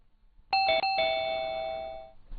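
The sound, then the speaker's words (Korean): A doorbell rings once with a bright electronic chime, a couple of quick tones that ring out and fade slowly over about two seconds, clear with no one speaking. “이때 초인종 소리가 울리자 나는 꿀꺽하고 억지로 삼켜버렸다.”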